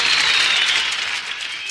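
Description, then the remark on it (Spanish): Steady applause from an audience for the just-introduced band members on guitar, drums and keyboard, a dense wash of many hands clapping at an even loudness with no voices over it, continuing throughout. “Fuerte ese aplauso.”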